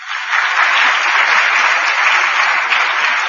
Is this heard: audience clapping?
yes